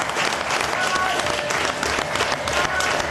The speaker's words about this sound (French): C'est 2 minutes d'adieu à l'équipe de Suisse dans cette Coupe du Monde. Franchement, est-ce qu'on commencerait pas ces 2 minutes par des applaudissements pour l'équipe de Suisse? Franchement.